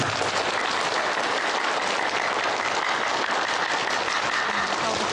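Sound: wedding guests applauding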